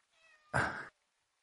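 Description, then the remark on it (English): A person imitates a cat's meow at a pet cat: a soft, thin tone swells into one loud, drawn-out 'meow' lasting under a second, with silence after. “I meowed at Fluffy and she came moves towards me and promptly ignored me”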